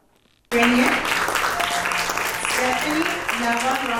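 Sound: warm applause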